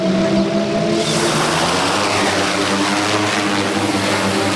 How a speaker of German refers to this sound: Hier in Spielberg über einem Campingplatz startet gerade die Polizeidrohne. In wenigen Sekunden ist sie schon in der Luft und fliegt über das Veranstaltungsgelände.